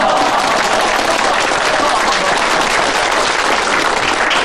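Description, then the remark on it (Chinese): Steady, loud applause from villagers at an evening meeting in Minning village for County Head Cheng, dense overlapping claps sustained evenly for several seconds with a faint murmur of voices mixed in. “鼓掌鼓掌。”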